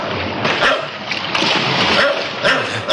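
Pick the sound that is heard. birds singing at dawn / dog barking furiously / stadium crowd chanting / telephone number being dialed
dog barking furiously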